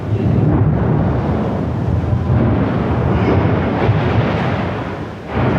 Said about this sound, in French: Une quinzaine de détonations au total en moins d'une heure résonnent dans la capitale ukrainienne.